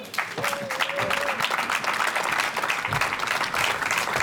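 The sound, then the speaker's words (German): A live audience of thousands of guests at the Museumsquartier claps steadily throughout, a dense, even wash of many hands. A brief whistle or tonal squeal rises early on, and no voices stand out. “Und deshalb biete ich um einen kräftigen Applaus für mehr Leadership.”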